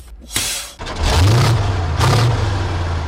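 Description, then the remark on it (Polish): The 7.2-litre, eight-cylinder Caterpillar diesel engine of a 12.5-tonne MATV military vehicle revs hard, its deep rumble swelling in two loud surges after a brief burst of noise, with no voices present. “Silnik 7,2 litra, 8-cylindrowy, Caterpillara.”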